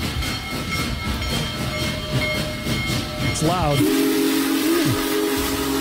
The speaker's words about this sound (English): Hey, we had a train roll through Springfield Saturday morning. I'm underselling it. The biggest steam engine in the world was here for a half an hour Saturday. Here's how that sounded when it pulled in.